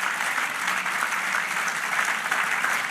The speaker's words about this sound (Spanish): Ya el aplauso al Señor. Amén. Gloria a Dios, celébrelo.